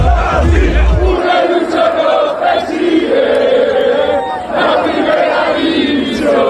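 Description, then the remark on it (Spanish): A large crowd cheers and chants loudly and continuously, many voices blending into a sustained roar with rising shouts, plus a brief low rumble at the start. The city of Santander celebrating at night as Real Racing Club de Santander football club wins promotion to the first division. “La ciudad celebra el ascenso a primera de su equipo, el Real Racing Club de Santander.”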